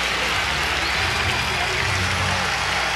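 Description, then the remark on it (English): A baseball stadium crowd of White Sox fans roars and cheers wildly in the ninth inning after an inside base hit to left field, a dense, steady wall of voices and noise that stays loud and unbroken throughout, with no single speaker standing out. “The ninth continues for the White Sox, and these fans, and it's the smallest crowd of the series, a lot of that due to the rain, they're going berserk, almost as if they expect it.”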